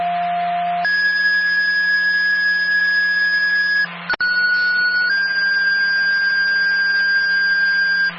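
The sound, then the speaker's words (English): Fire dispatch tone-out from Springfield fire alerting Grantham fire to a still alarm for water in a basement in Grantham: steady electronic paging tones that step from a lower pitch to long, higher sustained tones, with a brief click midway and a constant low hum underneath, loud. “Do you want to tone us out, put an active 911 over?”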